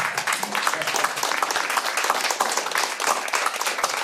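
A crowd applauds steadily, dense overlapping claps filling the whole stretch at an even, fairly loud level without a break or clear fade.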